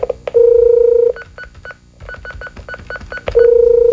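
A steady phone tone gives way to a quick run of short, evenly spaced keypad beeps as a telephone is dialed to call someone, then the steady tone returns. The sound is clear, with no one talking.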